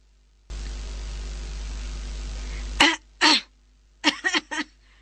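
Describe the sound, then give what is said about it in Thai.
A burst of hissing radio static gives way to harsh coughing fits: two strong bursts, then a rapid cluster of three or four choking coughs, with no voice speaking, coming through a handheld radio. “เสียงวิทยุในมือดังขึ้นในบัดนั้นระคนไปกับเสียงไอและสำลักแหบเครือ”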